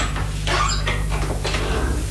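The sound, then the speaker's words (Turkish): A house door creaks open in a few drawn-out, squeaky bursts over a steady low hum, fairly loud, with no one speaking. “Yani kapının açık olduğunu mu söylemek istiyorsun?”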